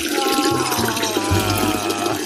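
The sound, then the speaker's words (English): A steady stream of liquid trickles and splashes without pause for a couple of seconds, like a pee sound effect, with a constant hiss over a low, droning undertone. “I just want to say thank you to the sound man for not using a pee sound effect.”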